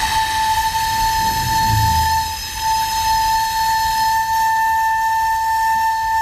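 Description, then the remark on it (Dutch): A 600-year-old recorder sounds one long, steady high note through a wash of breathy hiss, with a brief low rumble early on and no change in pitch. “Zo klinkt een 600 jaar oude blokfluit.”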